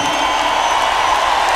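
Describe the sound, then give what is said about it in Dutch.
A crowd applauds and cheers loudly, a dense, steady wash of clapping and voices filling the whole moment without a break, greeting performers Jacques Poels and Rowan Hazen after an announcement of 25 years in the business. “Groot applaus, Jacques Poels en Rowan Hazen.”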